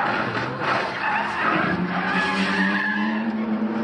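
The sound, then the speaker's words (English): A racing car losing control during a high-speed endurance racing event in Europe skids with a long, loud tire squeal that holds steady for several seconds over a roaring engine, with no voices. “The actor and professional racer has once again escaped unhurt after his racing car reportedly lost control and collided with another vehicle during a high-speed endurance racing event in Europe.”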